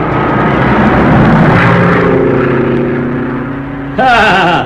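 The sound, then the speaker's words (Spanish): A small propeller plane drones steadily overhead, circling as it descends to land on an improvised landing strip in the jungle, its engine tone shifting gradually, loud, before a brighter burst of higher-pitched sound near the end. “Roscoe era un experto piloto y le bastaba un espacio pequeño para aterrizar con su avioneta.”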